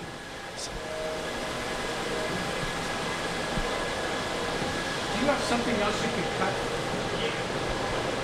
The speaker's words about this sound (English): So if we come down to this printer, I'll show you how this thing works.